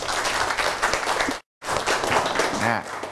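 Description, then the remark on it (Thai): A group of students in a classroom claps together for a classmate's correct answer, a dense burst of applause that pauses briefly before resuming, with some voices mixed in toward the end. “ครับโดยการสังเกตด้วยตาใช่ไหมดีมากปรบมือให้เพื่อนเลยครับ”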